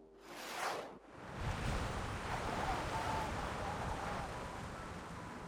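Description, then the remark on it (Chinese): Strong wind roars steadily after a brief gust and short lull, a dense, loud rushing that fills the whole stretch without letting up, howling and beating against the windows so they hum. “7:40，风声怒号，拍打着窗户嗡嗡作响。”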